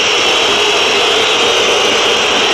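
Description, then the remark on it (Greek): A loud, continuous crowd roar of booing from a packed stadium at a Panathinaikos game, a dense wash of many voices that holds steady without pause and with no single voice standing out. “Ακούτε τις αποδοκιμασίες τώρα.”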